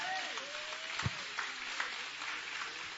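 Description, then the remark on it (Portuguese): An audience at a Portuguese-language church service claps hands joyfully to glorify the Lord, a steady dense wash of overlapping claps with a few sharper accents and a faint tonal sweep early on, no voices standing out. “Bate as palmas bem alegre.”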